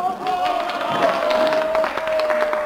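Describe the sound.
A huge crowd at the Avus racetrack in Berlin fills the air with a dense, continuous roar of many voices and scattered bursts, while a steady high tone runs through the whole stretch.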